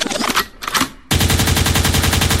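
A gunshot sound effect used as a rewind cue: two loud bursts with a ringing tail, then a dense, rapid stutter of repeated shots that stays loud until the end. No voices.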